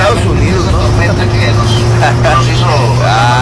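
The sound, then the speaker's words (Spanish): Steady, loud road rumble from a car moving at speed along a freeway in the United States, with a constant low engine drone throughout and faint voices talking over the noise. “Ahí nos mandan un video de un auto, a ver.”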